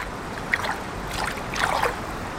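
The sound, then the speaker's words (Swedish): Someone wading through a shallow stream lined with alder trees: a few irregular sloshes and splashes over a steady watery hiss, with no one talking. “It's really quite it's quite fun to have your feet in the water.”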